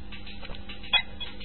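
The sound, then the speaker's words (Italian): Small plastic buttons on a children's toy mobile phone click a few times, with a brief bright chirp from the toy partway through; quiet, with no talking. “C'ha praticamente dei suonini che tu premi. È un giocattolo per bambini.”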